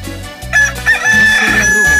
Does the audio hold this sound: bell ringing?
no